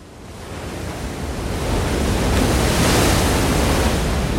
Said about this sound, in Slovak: Zrazu sa ozval mohutný hukot. Jedna z vln narazila do skál pred jaskyňou a voda sa rozliala po úzkom chodníku, ktorý viedol von.